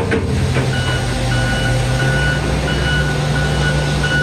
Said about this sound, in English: But earlier, the only sounds you were hearing were not of vehicles. They were of street sweepers and front end loaders.